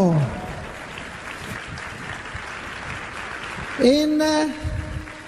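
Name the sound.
audience applauding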